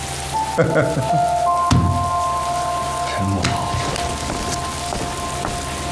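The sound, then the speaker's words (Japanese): Steady rain falls throughout, a dense hiss of drops pattering on surfaces, with a faint low tone lingering underneath and a voice briefly speaking over it. “这首诗的意思是说啊，这场雨啊来得太及时了”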